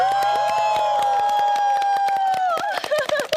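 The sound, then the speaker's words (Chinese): A live show audience votes by cheering, with the loudness of the cheer judging between two music acts: a long, sustained cheering "ooh" held at a steady pitch, with scattered claps punctuating it throughout, before the cheer breaks up into livelier shouts at the end. “你没欧，现场观众都欧了。”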